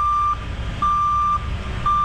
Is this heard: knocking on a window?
no